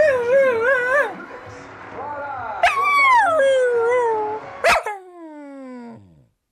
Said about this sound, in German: Ach, kümmere dich doch mal um den Hund hier.